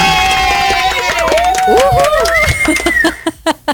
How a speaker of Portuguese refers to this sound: Ah, não. Merece um aplauso, sim.